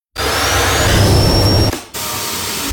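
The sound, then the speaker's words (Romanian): A loud, steady electric whir of a Bosch Unlimited cordless stick vacuum cleaner with MicroClean technology, with a high motor whine, briefly cutting out near the end before resuming at a slightly lower level. “Bosch aspirator vertical Unlimited cu tehnologia MicroClean aspiră chiar și murdăria microscopică”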